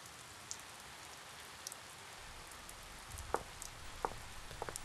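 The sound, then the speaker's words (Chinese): Steady rain falls outdoors as a soft, broad hiss, with a few sharper drips and taps landing on a surface now and then, more frequent toward the end. No one speaks. “外面下雨，你擦什么地呀？”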